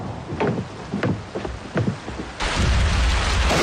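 Steady rain patters with scattered drips, then a loud, deep rumble of thunder bursts in and the downpour swells into a dense roar that continues to the end. It is a thunderstorm with lightning and heavy rain.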